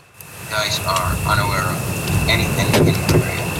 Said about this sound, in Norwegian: Ok, da får vi bare anta at det fiendtlig. Den kommer nærmere. Enda en drone. Den sirkler rundt. Det en drone som sirkler rundt, sier han.